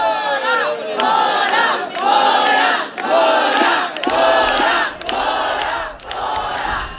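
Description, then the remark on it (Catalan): A crowd of protesters chants in unison, loud and steady, repeating a short slogan in rhythmic bursts about once a second, with many voices shouting together throughout. “La resposta dels concentrats ha sigut esta.”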